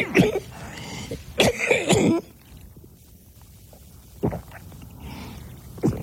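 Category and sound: human body sound, coughing and throat clearing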